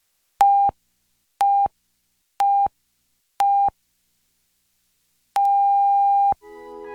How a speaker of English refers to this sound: The National Research Council official time signal. The beginning of the long dash indicates exactly 1 o'clock Eastern Daylight Saving Time.